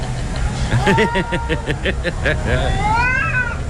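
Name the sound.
cats fighting and yowling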